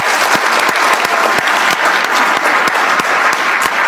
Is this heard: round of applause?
yes